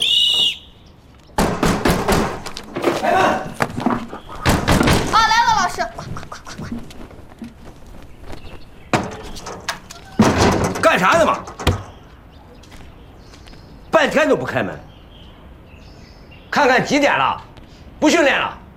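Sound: knocking on a door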